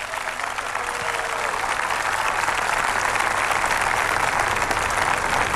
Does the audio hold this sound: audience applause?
yes